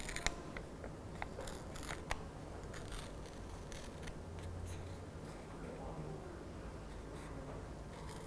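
Paper being slowly torn into strips by hand by a teacher, pulling toward herself, with a steady crackling rip broken by several sharper snaps as the tear continues. It's fairly quiet and lasts the whole stretch.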